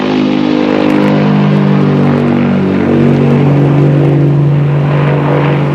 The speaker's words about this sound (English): Moments later, the plane lifts off.